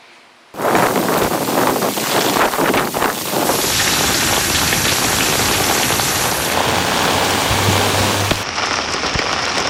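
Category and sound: nature, heavy typhoon rain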